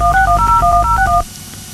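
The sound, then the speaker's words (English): A rapid run of about eight touch-tone beeps as a telephone number is punched in, each tone short and clear over a low background rumble, then the line goes quiet. “Come on, wake up and answer the phone.”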